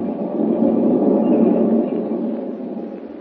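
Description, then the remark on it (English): A moving westbound passenger train carrying Lois Lane rumbles steadily, a dense low-to-mid roar with faint clattering texture, swelling slightly then easing, heard alone without voices. “With Lois Lane, an unwilling passenger on a westbound train, and Clark Kent about to receive a telegram that will send him hurrying back east, Walter Huffman stands a good chance of escaping the country with the precious dragon's teeth.”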